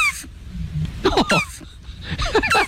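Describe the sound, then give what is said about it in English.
A turtle's high, squeaky calls, a rapid string of short chirps and whiny sweeps in several bursts, fairly loud, with no talking. “giving us the sound of a turtle, so maybe we can find out the difference between the two just based on the sound effect.”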